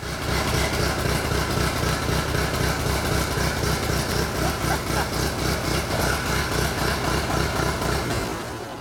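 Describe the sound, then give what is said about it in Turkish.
An old classic tractor engine, running again after a long time unused, gives off a lot of smoke. It runs steadily with a loud, rough chugging rhythm and a dense low rumble that stays constant throughout, easing off only slightly at the very end. “Ho ho ho! Evet. Gerçekten çalışıyor.”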